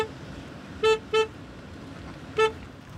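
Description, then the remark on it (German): A car horn honks three times in short bursts behind a cattle drive, two quick beeps close together and then one more after a pause, over a low background rumble. “Ah, Mann, der soll mal aufhören zu hupen da hinten.”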